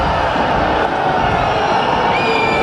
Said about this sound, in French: Oui, parce qu'on est exigeant quand on supporte la SBH, on exulte sur les essais biterrois. On crie fort sur l'arbitre.